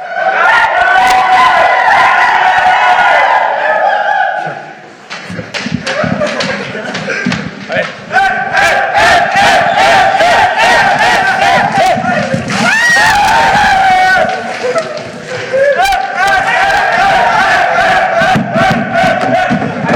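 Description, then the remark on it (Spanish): National team players shout and cheer in loud, unruly celebration, voices overlapping, with bursts of yelling and thumping throughout and a brief lull midway. “Bueno, para la gente de radio le contamos porque ellos solo escuchan gritos, alboroto, un júbilo desenfrenado.”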